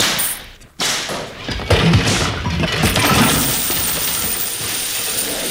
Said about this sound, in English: You overturned my money table.